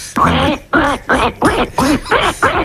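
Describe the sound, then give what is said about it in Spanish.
A person imitates a duck with a steady series of about seven nasal, voiced quacks, evenly spaced, fairly loud, with no other talking. “Bueno, pues el pato.”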